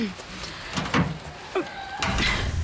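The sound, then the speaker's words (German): A door being opened, heard as a few short clunks and scraping bursts spread over a couple of seconds against a steady background hum. “Ja, um die Tür zu öffnen, musst du...”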